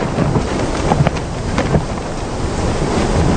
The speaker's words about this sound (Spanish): ¿Lleva mucho este viento? Sí.